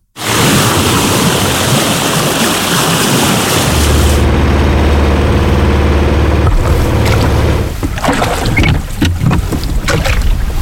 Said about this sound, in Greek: Σκάφος σε θάλασσα.